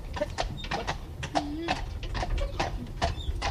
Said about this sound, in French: Là, nous, on se promenait avec un cheval de trait, un cheval de trait breton.